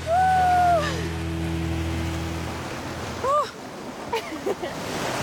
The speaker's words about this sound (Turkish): Sakin dalgalar ve kristal berraklığındaki sular serinlemek için mükemmel.